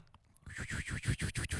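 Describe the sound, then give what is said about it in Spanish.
A voice imitates a toilet flushing, a breathy rushing hiss pulsing in quick, even surges, like gurgling water, after a brief quiet start. “Cuando baja la llave del water.”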